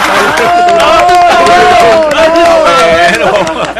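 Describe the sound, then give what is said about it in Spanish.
A large crowd cheers and yells loudly without pause, voices overlapping in a dense roar with scattered clapping mixed in. “Aplaudan, porque no aplaudan ellos.”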